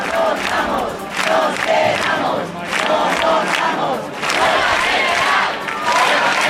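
A large protest crowd in Madrid's Puerta del Sol chants loudly in unison, voices rising and falling in rhythmic waves of shouted phrases, with a dense roar of many people sustained throughout.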